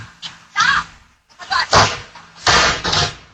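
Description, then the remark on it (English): A car slams into a neighbor's mailbox, sending it flying: a quick, irregular series of loud, heavy bangs and crashing thuds, several impacts in a few seconds with brief gaps between. “You hear the mailbox fly, though.”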